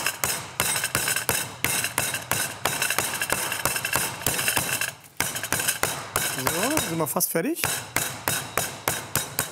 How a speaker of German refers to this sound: Also, das Hähnchen muss jetzt natürlich richtig schön platt plattiert werden. Jetzt wird es ein bisschen laut.